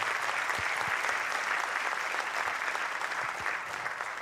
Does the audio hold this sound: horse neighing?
no